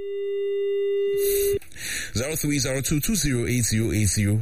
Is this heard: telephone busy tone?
yes